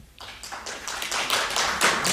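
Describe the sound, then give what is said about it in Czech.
An audience breaks into applause to vote on whether the paintings on the host's left are the artist's, a dense patter of many hands clapping that swells slightly over two seconds, with no voices. “teď vlastně nevíte, které jsou její obrazy, protože říkáte, kdo si myslí, že jsou to obrazy po mé levé ruce? Zatleskejte.”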